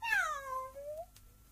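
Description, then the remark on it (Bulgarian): A single drawn-out meow from Kitty, a cat, while being washed by Dinah, fairly clear, starting high and sliding down in pitch over about a second before fading, with a soft click just after and no talking. “Първо ти измилка два пъти, докато Дайна те миеше.”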